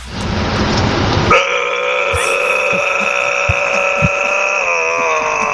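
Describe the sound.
A person demonstrates growling as a vocal imitation, in a drawn-out, buzzing voice, holding one steady, strained tone for about four seconds after a short burst of rough noise. It is loud and rich in overtones, with no talking over it.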